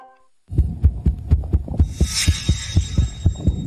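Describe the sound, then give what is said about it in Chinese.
A rapid, uneven heartbeat thuds low and muffled, as if through a stethoscope, with closely packed beats at slightly irregular intervals and a faint hiss rising partway through. “心跳声也跳得太快了，而且有点杂乱无序。”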